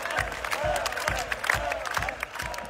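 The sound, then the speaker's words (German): A concert crowd at a band's concert chants the name of a man brought up on stage, in unison, voices rising and falling in a steady repeated rhythm, with regular low thumps keeping time under the loud, continuous roar of the audience. “Da liegen sie sich in den Armen, er und der Frontmann der …, und das Publikum ruft seinen Namen.”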